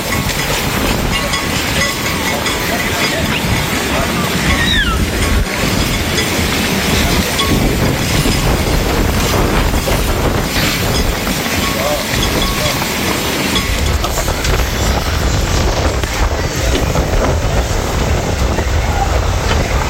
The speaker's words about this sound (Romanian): Salvamarii spun că nisipul a fost ridicat în aer de vântul care a suflat cu viteză mare dinspre mare spre uscat. Județul Constanța era la acel moment sub cod galben de vijelii.